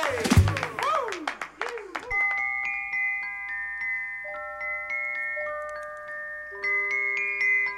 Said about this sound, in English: round of applause, why not?